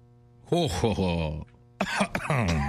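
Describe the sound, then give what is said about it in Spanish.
A voice acts out a vampire's sinister, throaty laugh that breaks off, then after a short pause bursts into loud, strained choking coughs from choking on his own saliva, dramatic. “Triunfante, el vampiro quiso celebrar su victoria, se llevó las manos a la cintura, miró al cielo y soltó una carcajada malvada que terminó en dos en tos porque se ahogó con su propia saliva.”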